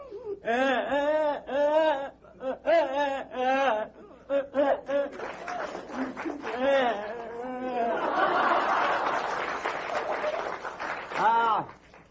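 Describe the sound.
An adult voice imitates a child crying as the child comes in after being hit: rising and falling wailing sobs in repeated bursts, loud, with a swell of audience laughter partway through before one last wail.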